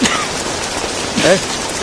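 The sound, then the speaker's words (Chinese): Steady cold rain falls in Xiangxi, China, in February, a dense, even hiss of drops that fills the whole stretch, with a brief faint voice rising through it near the end. “天冷了喽，还下雨了。”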